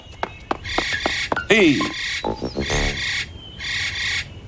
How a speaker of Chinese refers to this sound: 这个鸟的叫声好熟悉啊。 这叫喜鹊，专吃害虫的一鸟。都说喜鹊报喜，这可是好兆头的。 原来我们每天在小区里听到的声音是喜鹊发出来的呀。